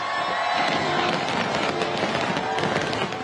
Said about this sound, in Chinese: 国庆烟花汇演晚上8点举行，超过30,000枚烟花喺维港上空绽放，大批市民同旅客企满星光大道同文化中心外嘅空地观赏。汇演分为8幕，历时约23分钟，呈现太阳花、牡丹花、红色心形同黄色星形等嘅图案。